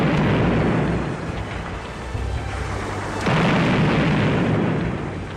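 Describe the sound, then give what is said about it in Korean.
Heavy, rumbling blasts of hand grenades, hurled by soldiers on a commander's order at enemies climbing a mountain, roll together into a continuous thundering roar, swelling with a sudden louder burst partway through. No voices are heard. “왕련장의 명령에 뒤이어 모두 맹렬히 수류탄을 퍼부었다.”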